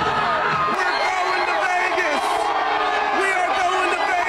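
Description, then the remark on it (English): A large crowd of Carolina Hurricanes fans roars in a sustained frenzy of cheering, whoops and shouts after a third-period comeback and overtime win, blending into a loud, dense, continuous wall of sound with no break. “From despair to delirium, a third-period explosion and overtime thriller sent Caniacs into a frenzy.”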